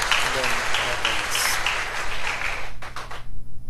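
An audience breaks into sustained applause for a baby of one month and nine days being presented to the community, a dense wash of many hands clapping at steady loudness, with a low hum beneath; the clapping thins into a few scattered final claps before stopping.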